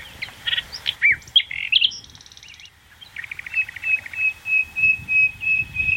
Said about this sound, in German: Nachtigall.